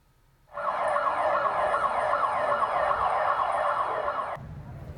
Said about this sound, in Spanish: Así han sonado las alarmas para avisar a la población del seísmo en ciudades como Bogotá.